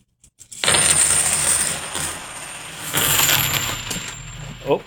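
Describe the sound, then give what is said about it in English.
A pile of 90% silver coins pours out and spills in a loud, continuous metallic jingle, clinking and scattering for several seconds before settling, with a final clink at the end. “And again, these are the 90% silver coins.”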